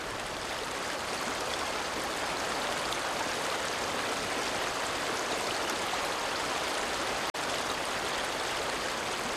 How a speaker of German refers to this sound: Komm. Wir setzen uns und beobachten den Fluss.